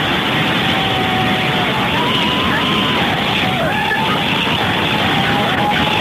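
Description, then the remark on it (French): Three car horns honk at once, long overlapping blasts rising out of a dense, loud wash of crowd and street noise that never lets up. “Ah, tu as klaxonné pour voir ceux qui sont en bagnole, c'est la 2 en voiture. Trois voitures qui klaxonnent.”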